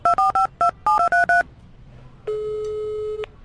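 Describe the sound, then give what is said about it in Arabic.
Nine quick electronic keypad beeps as a phone number is dialed to call a brother, fast and uneven, followed after a short pause by one steady, sustained tone lasting about a second. No one speaks. “من الصبح انا ندق عليه وهو يفصل. كي انا بحول اخر مره.”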